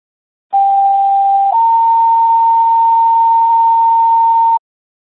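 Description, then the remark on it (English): Two-tone radio dispatch test tones for a Merwin Fire radio check: a steady, loud tone lasting about a second, then a slightly higher tone held for roughly three seconds before cutting off sharply. No voices are heard. “Comes here to Merwin Fire, stand by for test tones, radio check.”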